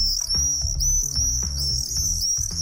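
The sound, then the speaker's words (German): Shrill, continuous screaming lure calls of common swifts played through a small white Bluetooth speaker box to attract swifts, steady and fairly loud, with dull low thuds and rumbling underneath. “Das ist er, der Mauersegler. Allerdings nicht live und in Farbe. Die Lockrufe kommen aus einem kleinen weißen Kästchen.”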